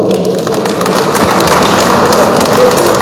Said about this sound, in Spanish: Vamos a también brindarle un fuerte aplauso.